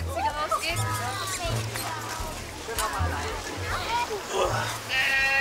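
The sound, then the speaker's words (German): Several goats bleat in overlapping, wavering cries, some louder than others, as a bear approaches in the enclosure, over a busy background of low thumps and scattered noise. “Achtung Ziegen, der Bär kommt.”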